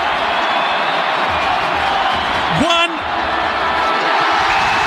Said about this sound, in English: This crowd will just about blow the lights out. Have a listen to this, everyone.